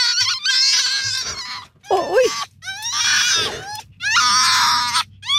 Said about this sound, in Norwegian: På var alle disse lydene her nå? Der var det rev og grevling. Men på slutten der så var det et lite sånn snusk.